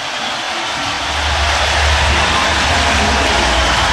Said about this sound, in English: This crowd has witnessed a remarkable basketball victory for their Cornhuskers. Listen to the crowd here for just a second.